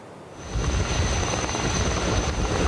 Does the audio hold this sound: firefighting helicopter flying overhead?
yes